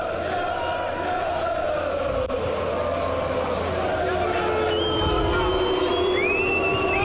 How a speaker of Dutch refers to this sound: En omdat de rest niet invalt, niet meedoet, komt er boegeroep en een fluitconcert.